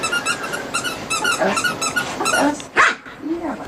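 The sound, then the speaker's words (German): A female dog barks and growls excitedly while chasing a squeaky ball thrown across the lawn of a terraced-house garden in Wiesbaden-Bierstadt, amid repeated rhythmic squeaks of the toy, with one sharp, loud bark standing out near the end. “Ein Quietscheball fliegt über den Rasen eines Reihenhausgartens in Wiesbaden-Bierstadt.”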